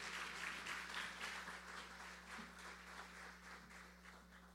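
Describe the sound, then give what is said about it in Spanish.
A crowd applauds the mayor, José Aníbal Meléndez, steadily, many hands clapping in a dense, continuous wash that fades slightly toward the end, with a low steady hum underneath and no voices. “Así que un fuerte aplauso para nuestro alcalde.”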